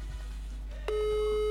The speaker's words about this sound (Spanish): Suena el teléfono, se van los 104. Suena el teléfono.